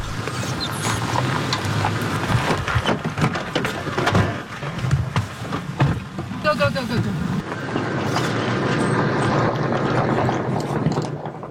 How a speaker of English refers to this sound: We can hear a drone above, and we've been told that it's a Houthi drone, so we're just taking cover.